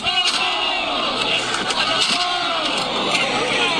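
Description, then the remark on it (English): A loud, rowdy crowd in the streets of New York yells and chants together, egging each other on, with sharp banging impacts breaking through the roar as objects are slammed against a school bus to tear it down. “They're slamming things against the school bus, tearing it down. And then chanting each other on.”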